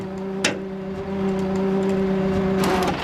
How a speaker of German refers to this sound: Er zieht den blauen Wagen mit seiner Seilwinde auf die Ladefläche seines Abschleppwagens.